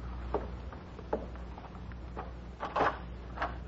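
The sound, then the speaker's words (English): A door being opened to answer a caller: a handful of soft, scattered clicks and wooden knocks, then a louder rattling clunk near the end, heard alone with no one talking. “You stay here and keep quiet. I'll answer the door.”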